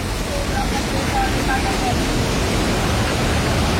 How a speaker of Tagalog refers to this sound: Guys, kusog yung baha dali guys.